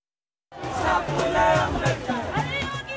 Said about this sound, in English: You're hearing the sounds of protests in India. This week, around 50,000 people gathered in Delhi. Huge crowds, marching, camping out, and carrying on even through heavy rain, heat and humidity.